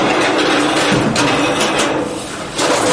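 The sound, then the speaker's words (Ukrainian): A fire-damaged apartment door being forced shut, a loud continuous grating scrape broken by a few sharp knocks and rattles, with no one speaking. “Це так закриваються тепер мої двері.”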